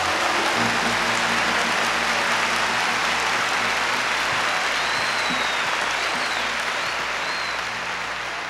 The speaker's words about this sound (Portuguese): Give the Lord another hand of praise. Vamos mais uma vez aplaudir o Senhor com as nossas mãos.